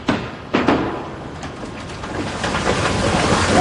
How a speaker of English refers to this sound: Water. Yeah, okay. We're filling the tank. We just got the first bit of water going in.